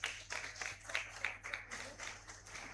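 A crowd claps steadily for a few seconds, a dense patter of many hands heard from a moderate distance at even volume, with no one speaking over it.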